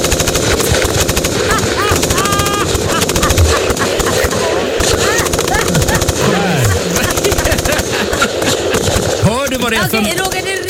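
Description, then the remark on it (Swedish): Dense, continuous machine gun fire rattles for about ten seconds, rapid bursts blending into a loud, harsh clatter with shouting voices and rumbling engines mixed underneath. “jag tror faktiskt att vi har en liten kulspruta här. Så att du ska komma en liten stämning.”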